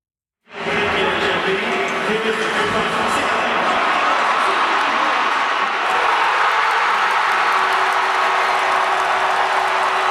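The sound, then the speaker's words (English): A crowd of more than 15,000 hockey fans at a watch party in the Vidéotron Centre arena in Quebec City roars and cheers continuously after a sudden start, watching Game 5 of a playoff series between the Montreal Canadiens and the Buffalo Sabres, with sustained applause and shouting filling the space at a steady, loud level throughout. “Well, the crowd was on fire last night at the Vidéotron Center in Quebec City.”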